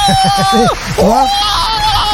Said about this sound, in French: Là, on pourrait avoir notre foule en délire. Elle est moins virulente quand même.